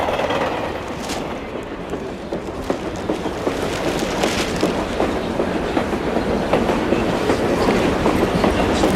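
A train rolls steadily along the rails, its wheels clacking in a continuous rhythmic clatter, with a constant rumbling undertone and no voices.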